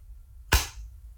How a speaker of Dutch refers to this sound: Het geluid van een doosje waar oortjes in zitten. En dat klapt dan dicht. Ja, dit zijn de goede geluiden. Dat zijn echt geluiden uit het dagelijks leven.